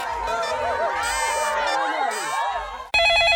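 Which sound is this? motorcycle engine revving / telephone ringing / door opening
telephone ringing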